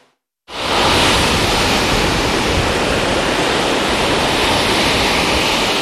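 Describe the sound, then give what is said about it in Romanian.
A loud, unbroken roar of large sea waves crashing and strong wind starts abruptly and holds steady throughout, dense, with no voices. “Turiștii și-au pus viața în pericol, au intrat în apă, deși erau valuri mari, vânt puternic și clar arborați de agul roșu.”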